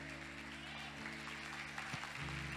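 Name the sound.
sparse applause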